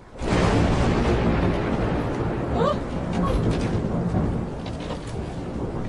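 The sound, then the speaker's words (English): A raging storm roars steadily throughout, a dense wash of pouring rain, hail and wind with deep low rumbling underneath, loud from start to finish with no pauses. “Oh, how the storm raged. Hail, rain, wind.”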